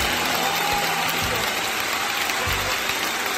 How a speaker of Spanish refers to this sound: Con este aplauso bacán. Lo tenemos como efecto y dice aplauso bacán.